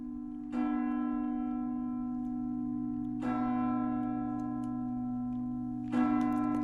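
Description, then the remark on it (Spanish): Church bells ring out in three clear, evenly spaced strikes, each leaving a long, humming resonance that carries into the next. No voices are present. “Y este toque de campanas nos recuerda que en América Mágica ha llegado el momento de abrir las puertas de las catedrales de Iberoamérica”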